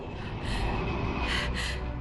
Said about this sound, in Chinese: 师父，战机飞过来了！